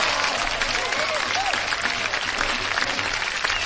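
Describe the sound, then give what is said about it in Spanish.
A crowd applauds steadily for a few seconds for both teams of the Chivas–América match, a dense wash of many hands clapping that stays loud and even from start to finish. “Un aplauso para ambos equipos que...”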